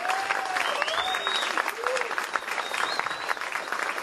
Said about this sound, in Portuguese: Queria pedir uma salva de palmas especial para o nosso técnico de som, assim, que é um craque,